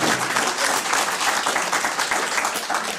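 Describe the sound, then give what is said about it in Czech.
An audience applauds steadily for the full three seconds, a dense, even wash of many hands clapping with no pauses and no voices standing out. “My už jsme spolu přes 20 let, takže máme vám zatleskat taky.”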